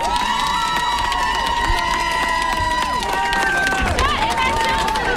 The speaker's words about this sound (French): Merci à nous pour sa proposition, c'est une très belle proposition, on l'applaudit très fort s'il vous plaît.